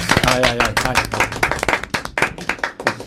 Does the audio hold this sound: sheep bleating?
no